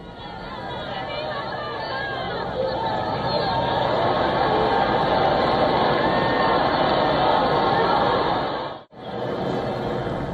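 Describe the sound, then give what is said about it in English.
A large crowd on the streets around Plaza Cibeles in Madrid, Spain, cheers as Pope Leo XIV arrives in his Popemobile for Mass, a dense, steady roar of chatter, raised voices and shouts with scattered laughter, briefly cutting out for a split second near the end before resuming. “Well, these are the images of the crowded streets around Plaza Cibeles. People cheer as the Pope arrives in his Pope Mobile, waving flags, throwing flower petals and shouting, "Long live the Pope," and "This is the youth of the Pope,"”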